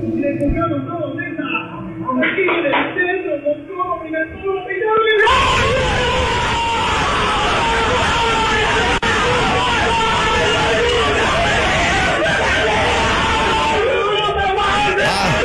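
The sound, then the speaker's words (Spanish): A crowd of young people erupts into loud shouting and cheering as they celebrate a goal, starting with scattered voices and then bursting into a sustained roar of yells and whoops. “A estos jóvenes, como gritan el gol.”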